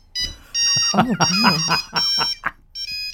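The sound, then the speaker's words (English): An old alarm clock rings in a shrill, steady, high-pitched tone that keeps going while a person talks over it, cuts out briefly, then starts again near the end. “Imagine that being your alarm of the morning.”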